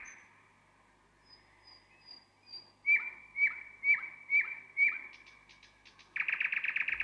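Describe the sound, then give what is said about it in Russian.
A nightingale, a small grey bird sitting in tree branches, sings alone: soft whistled notes, then five loud, evenly spaced piping calls, ending in a fast, buzzy rattling trill. “«Вот это соловей», — сказала девочка. «Слушайте, слушайте».”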